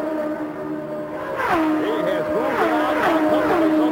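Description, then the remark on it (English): Race cars led by Rick Mears, with Mario Andretti second and Michael Andretti third, scream down the straightaway one after another to complete another lap. Their high engine whines swoop up and down in pitch, and a quieter first second gives way to a loud, continuous roar. “Here they come down the straightaway to complete another lap.”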